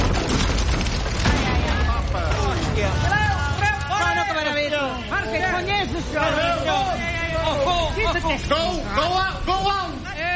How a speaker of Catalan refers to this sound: Després d'una estona trontollant sense que ningú se n'adoni, els anells del barril rebenten i el barril esclata.